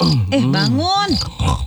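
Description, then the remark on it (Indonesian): A voice imitates snoring with grunting, snorting noises whose pitch swoops up and down over about a second and a half, ending in a short rougher snort. “Ih, kamu tuh tidurnya ngorok.”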